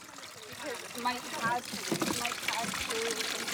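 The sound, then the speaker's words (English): Water pours steadily from big containers into backpack sprayers with a continuous splashing rush, as staff and volunteers load them for fighting a fire, while people talk over it throughout. “You've got big containers of water here and they're just being transferred across.”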